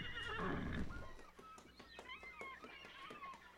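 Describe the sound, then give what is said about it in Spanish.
The captain's horse gives a loud whinny, then its hooves clop in an uneven rhythm on a hard surface as it moves about. “¡Traed el caballo del capitán!”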